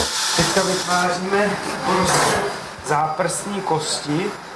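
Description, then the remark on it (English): A surgical drill whirs in short, high-pitched bursts as it bores a hole in the middle of a sheep's metacarpal bone, drilling out a small piece of bone to test a bone glue at Brno University Hospital, fairly loud, with a person talking steadily over the grinding. “We are creating a hole in the middle of the metacarpal bone. We drill out a small piece of bone so that we can test the glue and then glue the piece back into place.”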